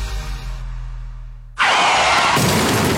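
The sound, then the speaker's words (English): A low engine rumble hums for a moment, then a sudden loud car crash erupts into harsh crunching and grinding noise that keeps going until the end, with no voices. “I've stacked my car.”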